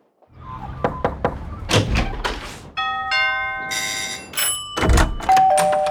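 A few sharp knocks on a door ring out, followed by a bright, multi-tone doorbell chime that sounds twice and lingers, with no voices.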